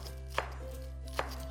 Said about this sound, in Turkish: Doğramaya devam ediyorum.